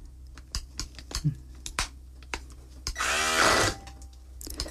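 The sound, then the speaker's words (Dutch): A hand blender whirs in one short, loud burst of under a second, its motor pitch rising, after a series of scattered clicks and taps as it goes into cooked chickpeas, their cooking water partly drained off, to blend them a little. “Dus nu zal ik eventjes met die mixer in die kikkererwten gaan en kijken voor dat een beetje te mixen.”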